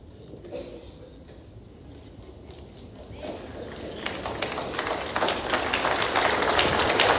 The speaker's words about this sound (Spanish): Me emociona si ese primer aplauso fue de una hermana.